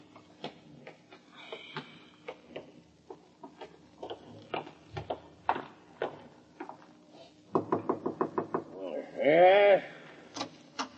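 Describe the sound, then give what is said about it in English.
A quick run of about eight sharp knocks at the front door rattles out, followed at once by a brief, wavering bleat-like cry. Softer scattered taps and clicks come before the knocking. “Did I hear someone at the front door?”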